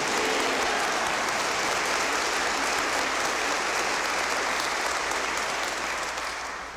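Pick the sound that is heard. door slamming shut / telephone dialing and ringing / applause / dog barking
applause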